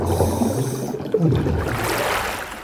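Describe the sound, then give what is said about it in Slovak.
Muffled, low underwater rumbling and gurgling while a person is under water give way about midway to a brighter, airy splash and wash as she surfaces from the water, then open watery hiss continues. No voices. “No, boli sme pod vodou. Teraz už som sa síce vynorila a niekde vedľa mňa by sa o chvíľu mala vynoriť aj naša majsterka zvuku, ktorá kdesi pod hladinou chytá môj hlas a asi aj hlasy rýb,”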